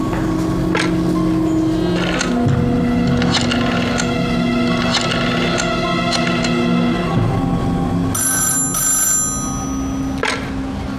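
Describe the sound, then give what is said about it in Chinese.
A telephone at the Mingxiang restaurant rings loudly and continuously for several seconds, its tone steady with regular clattering knocks. Near the end, a brighter, higher ring briefly joins in. “喂，明祥饭馆。”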